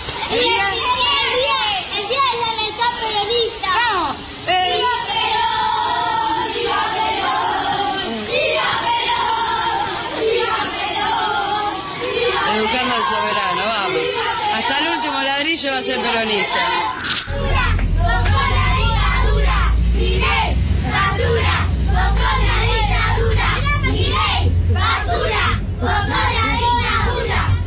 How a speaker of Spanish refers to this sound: Nenes de 7 años cantando Milei, basura, vos sos la dictadura.